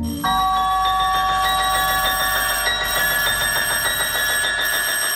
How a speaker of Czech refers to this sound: Vzbudili mě rány na dveře a prudké zvonění kolem 4:00 ráno.